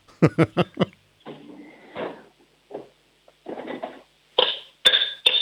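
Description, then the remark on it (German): A spoon bangs on a cooking pot in a kitchen: four quick, loud metallic strikes at the start, then scraping clatter, and a few more ringing clangs near the end, with no talking. “Lauf mal in die Küche, hol dir einen Kochtopf und einen Löffel und dann schlägst du mal mit dem Löffel auf den Topf drauf.”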